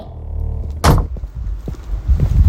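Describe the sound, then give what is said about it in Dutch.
The door of the Kankercafé Confetti falls shut into its lock with one solid thud, followed by some softer knocks and a low rumbling background. “Nou, de deur van de Kankercafé Confetti is weer in het slot gevallen.”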